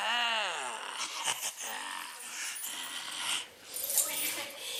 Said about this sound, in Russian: Ну, теперь пошли щелкать дверьми, отодвигать ящики, ключами греметь. Засуетились, забегали.